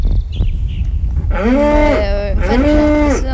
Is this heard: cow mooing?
yes